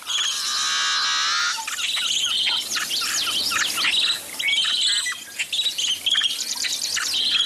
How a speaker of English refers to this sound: A yellow-headed blackbird song.